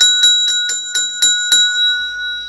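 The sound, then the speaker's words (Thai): A small mindfulness bell rings in a quick run of about six bright, evenly spaced strikes, each leaving a sustained shimmering tone that hangs on after the last stroke, fairly loud with no voices. “นี่เนี่ยระฆังใจโอ้สาธุค่ะ”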